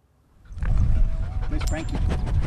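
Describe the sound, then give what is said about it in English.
A pack of working dogs from a cattle station, including Smoke, Buckets, Darcy and Django, pant heavily, a steady overlapping huffing that starts suddenly and carries on, with the odd faint whine or yip mixed in. “a very well-behaved pack of dogs”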